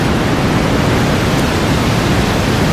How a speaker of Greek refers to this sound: Θάλασσα. Κατευθείαν σε ηρεμία, άμα χαλαρώ, άμα μπεις το... Θάλασσα. Αυτό είναι τώρα θάλασσα, αυτό είναι θάλασσα, μίξη με απορροφητήρα είναι, μίξη με το ASMR